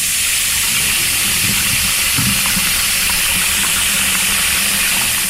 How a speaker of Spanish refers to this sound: Fue al baño y se echó un poco de agua en la nuca.